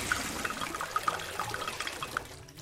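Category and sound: sound effect, water being poured out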